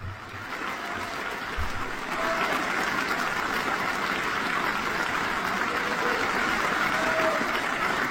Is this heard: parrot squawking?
no